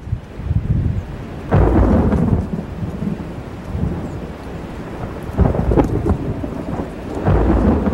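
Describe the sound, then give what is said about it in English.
Heavy rain pours steadily while deep rolls of thunder rumble and swell several times, loud, with no voices present. “While he was still a few miles from home, a thunderstorm broke on the horizon.”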